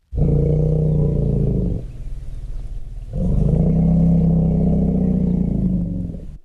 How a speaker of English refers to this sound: Low-frequency rumbles emitted by elephants keep them together, according to a team of Kenyan and American researchers. The rumbles strengthen social bonds and help the animals coordinate group movement.